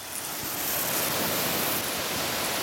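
A garden hose held by a zookeeper sprays water onto alpacas in their enclosure to cool them, starting at their feet, in a steady hissing rush that holds evenly for a few seconds, bright and continuous, with no voices over it.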